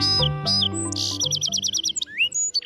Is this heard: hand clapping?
no